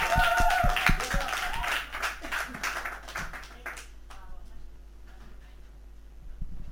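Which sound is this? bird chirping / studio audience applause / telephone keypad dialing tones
studio audience applause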